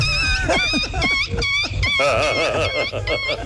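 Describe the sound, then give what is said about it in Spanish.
Someone imitates a whimpering puppy as a hidden talent, producing a fairly loud run of high, wavering whines and yips in quick, repeated bursts that rise and fall in pitch, over a low background rumble. “mi talento oculto es el perrito chillón.”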